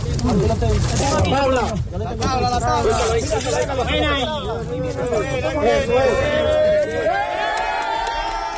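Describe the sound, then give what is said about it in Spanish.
A rescue by the Unidad Militar de Emergencias (Military Emergency Unit) at earthquake rubble: many overlapping raised voices shout and call out at once, a loud, steady crowd clamor, with one long rising cry toward the end. “Es el sonido de uno de los rescates que ha efectuado la Unidad Militar de Emergencias en un momento en el que cada hora que pasa disminuye la esperanza de encontrar a personas con vida.”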